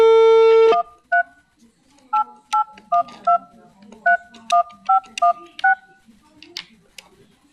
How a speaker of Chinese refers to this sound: 好了，我来先拨通一下这个电话。